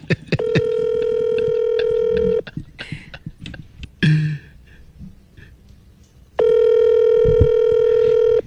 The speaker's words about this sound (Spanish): Otra vez me está rechazando la llamada. Aquí estoy llamando.